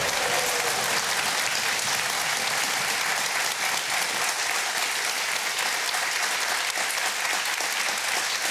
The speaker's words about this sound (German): Ich lasse den mal zu Ende klatschen, weil es so gut tut.